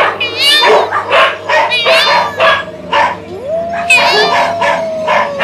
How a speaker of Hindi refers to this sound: कुत्तों के भौंकने की और मोर के चीखने की आवाजें आने लगती हैं।